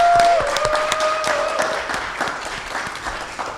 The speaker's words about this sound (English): We just heard from perhaps the greatest living poet that I know, Mama Angela Jackson. Can we please give her a nice round of applause?